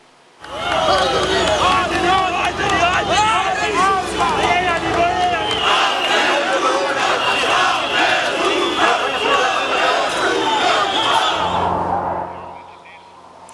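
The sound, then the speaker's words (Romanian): A large, loud crowd of thousands of Albanians protesting in the street in Tirana, Albania, for a second day, against a planned ultra-luxury tourist resort, shouts and yells together in a dense, continuous roar, with rhythmic surges like chanting, fading off near the end. “Mii de albanezi au ieșit pentru a doua zi la rând în stradă, la Tirana, revoltați de planul de a construi o stațiune turistică ultraluxoasă”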